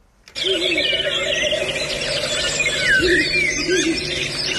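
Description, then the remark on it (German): A Ural owl gives short, low hooting calls a few times over a dense, busy chorus of chirping songbirds, steady and fairly loud throughout. “Also da hört man einen Habichtskauz und die Reporter und Reporterinnen sind ja ganz entzückt, ne?”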